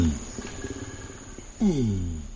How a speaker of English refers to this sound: By deeply analyzing the changes in 132 orangutan long calls